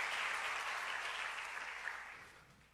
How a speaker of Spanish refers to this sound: Un aplauso para este varón que me ayudó también.